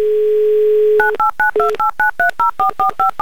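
A steady telephone dial tone for about a second, then a quick run of about eleven clear touch-tone beeps as a radio host dials a contest winner's phone number in Voronezh, each beep short and evenly spaced.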